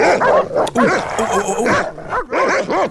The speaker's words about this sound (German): Du hast nicht so krasse Hunde, die so bellen, ja?